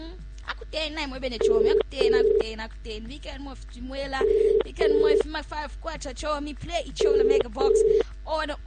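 A phone ringback tone repeats in paired bursts, ring-ring then a pause, three times with no answer, while voices and music-like sound continue underneath. It is a call to a prize winner of the Ichola Mega Box game.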